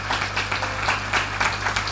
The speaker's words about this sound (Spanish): ¡Aleluya! Dale fuerte tu aplauso al rey. Dale tu aplauso al Señor. ¡Aleluya!